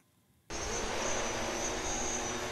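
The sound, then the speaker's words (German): After half a second of near silence, a loud, steady motorized whine abruptly starts up and holds, a dense roaring hum of a delivery drone's rotors as it takes off from St. Josef hospital in Essen, Germany, carrying patients' blood samples to a medical lab 8 kilometres away. “Mit lautem Getöse macht sich das neue Transportmittel auf den Weg. Eine Drohne hat Blutproben von Patienten aus dem St. Josef-Krankenhaus an Bord.”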